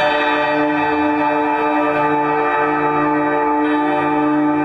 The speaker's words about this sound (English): Now look at the bells. Old world cities were filled with enormous bells, often tuned to specific frequencies. These bells weren't random. They were cast with precise ratios, hung at calculated heights, and rung in coordinated patterns.